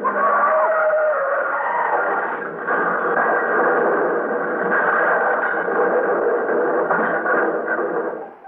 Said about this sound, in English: Gee, it's after midnight. Look at those two cars weaving down the street. Well, they're going to crash. Look out!